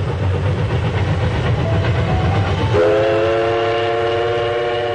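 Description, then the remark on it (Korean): A train runs slowly along the rails through spring countryside of rapeseed flowers and rice fields, rumbling steadily with a low, heavy drone, then a loud sustained horn blares over the rumble for the second half. No voices. “기차가 천천히 달리는 동안 창밖에는 유채화와 벼밭, 보드나무가 푸르게 펼쳐졌다.”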